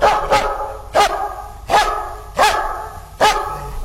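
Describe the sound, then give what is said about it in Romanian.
A dog barks five times in a steady rhythm, each bark sharp, loud and mid-pitched, with short pauses between and no talking. “Băi, ce câine nostim aveți, nu-l vindeți?”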